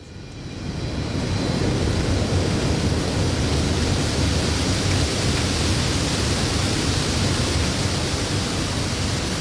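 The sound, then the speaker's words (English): Steady, dense hiss of sprinklers at the top of evaporation towers spraying pumped seawater into fine droplets at a sea salt producer on the east coast of Tasmania, fading in over the first second then holding loud and constant with a low rumble underneath. No one speaks. “there's lots of little sprinklers. They spray the seawater out into lots of little droplets”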